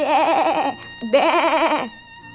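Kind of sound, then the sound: animal, sheep bleating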